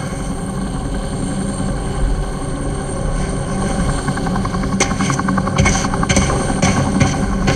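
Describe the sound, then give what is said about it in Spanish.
A helicopter roars, its rotor throbbing steadily over a heavy engine drone, with sharp clattering bursts breaking through in the final seconds. “Apague la luz. Y mueva el helicóptero.”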